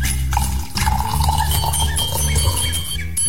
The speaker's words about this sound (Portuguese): põe um golinho de café pra nós aqui